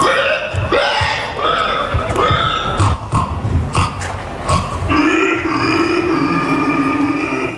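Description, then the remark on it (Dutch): A contestant at a pig-imitation contest in a small town in southern France, held for 43 years, where participants dress as pigs, imitates a pig with loud, continuous grunts and squeals, strained and nasal, rising into a long high-pitched squeal near the end. “In Frankrijk is het nadoen van een varken juist heel populair.”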